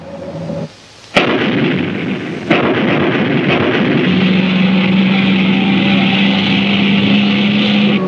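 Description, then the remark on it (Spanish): Two sharp, booming grenade blasts about a second apart, thrown at a race car in the Meteoro cartoon, give way to a continuous loud roar, with a steady low engine-like hum droning underneath toward the end. No one speaks. “Los ayudamos en el Polo Sur y nos responden con granadas.”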